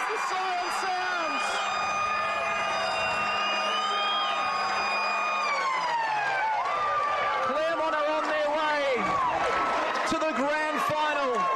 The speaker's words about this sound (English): Claremont by 8 points, 29 minutes final turn. Gotta be siren.